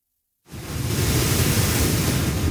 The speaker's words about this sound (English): Category 4 Hurricane Polo is battering southwestern Mexico, sending massive waves crashing into beachfront homes and dragging debris through the streets.